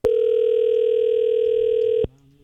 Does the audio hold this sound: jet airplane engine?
no